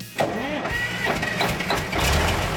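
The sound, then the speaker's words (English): A big truck engine cranks over and catches, then settles into a loud, steady rumbling idle, running continuously for a couple of seconds. “We know that driving a big truck means you got a little bit more country in you.”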